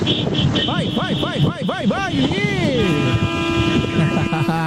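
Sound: vuvuzela being blown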